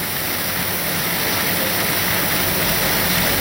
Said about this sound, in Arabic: يعني ليس فقط الأوضاع في إيران والمنطقة استثنائية في هذه الأثناء، حتى حالة الطقس استثنائية، أمطار غزيرة في طهران رغم حرارة الطقس المرتفعة.